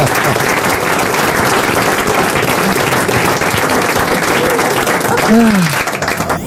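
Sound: studio audience applause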